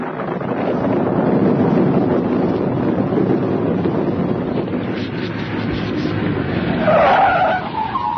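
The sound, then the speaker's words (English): A car rumbles along, not too fast, at night with lightning flashing, with steady road and wind noise, then its tires let out a loud, high screech as it brakes hard and skids to a halt near the end, stopping for two men waving at the roadside. “Well, I'm driving along, not too fast, mind you.”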